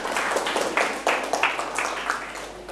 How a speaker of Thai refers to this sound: ปรบมือให้เพื่อนๆครับ